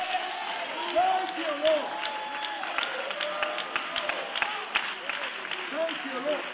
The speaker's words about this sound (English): Come on, that's it. You give him another clap of praise. Oh, clap your hand, all ye people.